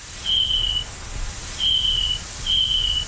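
Three thin, high-pitched chirping calls from an adult snapping turtle, each a steady half-second tone, repeating at uneven intervals over a faint low rumble, almost like a cricket.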